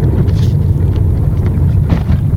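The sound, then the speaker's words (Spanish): Heavy, steady engine and road rumble from inside a moving car, with a couple of brief jarring thuds as the vehicle jolts over a large pothole on the Vía Sarmiento, a busy secondary road leading to Cuenca, full of cars on both sides. “Ahí cayó un tremendo hueco. Y es transitada, ¿no? Llena de carros también, de lado y lado.”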